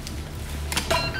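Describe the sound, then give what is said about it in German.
An electric door mechanism unlocks and opens: over a low steady hum, two quick mechanical clacks arrive close together, followed by a brief electronic whir. No one speaks. “Die Tür funktioniert wieder, alles gut.”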